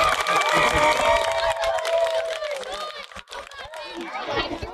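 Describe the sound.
A crowd claps and cheers for a conjoined salmon being released into a lake, with excited voices and whoops rising over steady, dense clapping that carries on throughout at a fairly loud level.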